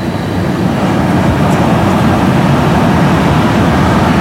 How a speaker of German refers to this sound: Es ist 4:06 jetzt und gleich soll hier der erste Zug langfahren, nämlich der RE70 aus Elmshorn. Dann war's soweit. Hört mal ganz genau hin.